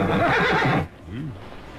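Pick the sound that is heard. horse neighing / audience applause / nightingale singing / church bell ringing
horse neighing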